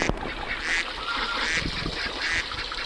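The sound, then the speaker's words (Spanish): A duck quacks three times at a steady, evenly spaced rhythm, each call nasal and fairly loud, over a constant low background hiss. “O sea, mi primera experiencia como de niño de ciudad de un sonido de un pato fue el Nintendo.”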